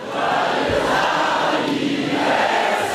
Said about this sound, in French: Oui, Marine Le Pen arrive à la tribune sous les acclamations. Premier rendez-vous de sa campagne, le jour de l'anniversaire de Jordan Bardella.